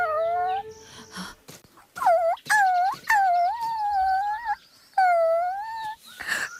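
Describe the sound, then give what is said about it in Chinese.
A puppy lying beside its dead mother dog whimpers in a series of drawn-out, high-pitched whining cries separated by brief pauses, fairly loud, with no talking. “哎，只见不远处，一只小狗趴在已死的母狗边，嘤嘤啜泣，不忍离去。”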